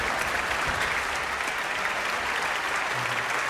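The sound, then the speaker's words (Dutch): Sustained applause from a large audience for the Radio Phil orchestra and conductor Marcus Stentz, a dense steady wash of many hands clapping at even loudness throughout, with no voices standing out. “En dan ook nog één keer een hartelijk applaus voor het Radio Phil.”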